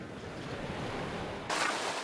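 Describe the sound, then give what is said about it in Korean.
Steady wash of gentle ocean waves, calmed as the tide goes out, rolling onto the shore at Dokgeodo where seaweed is harvested, a soft continuous hiss that swells brighter near the end as another wave breaks. No voices. “어느새 물이 빠지고 파도가 한결 잔잔해졌습니다.”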